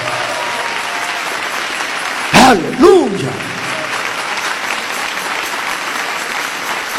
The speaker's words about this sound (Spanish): Dele ese aplauso al Señor Jesús.